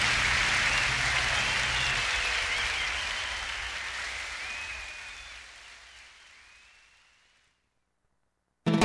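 Loud crowd applause for the pianist, a dense wash of many hands clapping that gradually thins and fades out over about seven seconds, followed by near silence and a brief burst at the very end.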